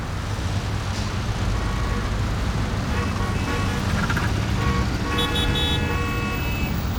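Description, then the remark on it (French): A car engine roars amid loud, steady, heavy street traffic, a continuous rumble, with several short horn toots sounding partway through. “Il y a trop de circulation. Je te l'avais dit, je le reconnais, c'est son moteur qui rugit.”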